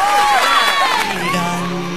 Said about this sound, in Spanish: Un aplauso, señores.